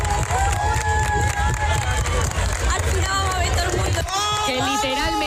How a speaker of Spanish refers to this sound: Arrancó las telas entre aplausos para que, como se escucha en este vídeo viral, lo va a ver todo el mundo.